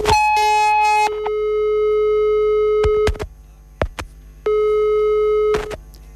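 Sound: telephone busy tone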